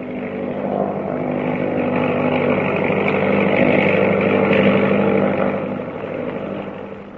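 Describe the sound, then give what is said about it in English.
An autogyro's engine and whirling propeller roar steadily as it takes off at night, rising almost vertically over the trees from the grounds of Stone House; a loud, even droning hum that swells slightly and then eases off, with no voices. “They're getting away in an autogyro.”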